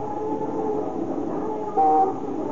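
A steady rumble of street traffic and a rolling streetcar in Tokyo, Japan, broken near the end by one short, flat horn blast that stands out loudly above the din. No voices.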